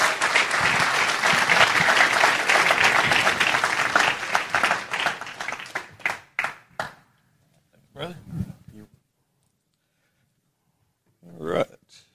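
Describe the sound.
An audience bursts into dense, steady applause that thins out after about six seconds into a few scattered claps, followed by brief voices and a short spoken phrase.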